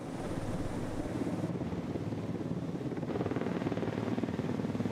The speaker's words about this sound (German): Das erste der gusseisernen Turmteile ist auf dem Weg in den Hafen. Bis jetzt wussten sie nicht, wie schwer die Segmente sein werden. In den alten Zeichnungen war nichts zu finden. Ja, 3,3. 3,3 Tonnen. Damit kommt der Heli gut zurecht.